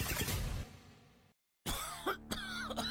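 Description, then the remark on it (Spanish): A few harsh coughs burst out in quick succession in a radio ad for Cuatecomate, the lung tonic from Ocotsol, on the station La Raza, then stop for a short silence before a bright, tonal sound like a musical sting starts up. “Adiós, tos de fumador, tos crónica, asma, ronquera.”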